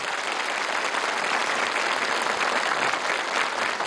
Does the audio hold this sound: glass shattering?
no